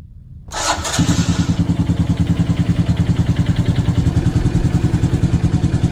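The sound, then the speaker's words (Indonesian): A motorcycle engine cranks and catches, then settles into a steady, loud idle with a regular rhythmic chug as it is warmed up early in the morning, with no voices present. “Pak, pagi-pagi begini panasin motor, mau kemana, Pak?”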